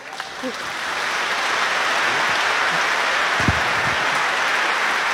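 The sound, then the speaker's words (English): Steady, dense applause from a large audience honoring the Iceland Symphony Orchestra, swelling in the first second and then holding a constant loud crackle of many clapping hands with a few faint voices underneath. “One more applause.”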